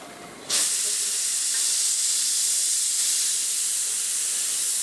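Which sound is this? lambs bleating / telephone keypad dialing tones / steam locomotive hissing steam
steam locomotive hissing steam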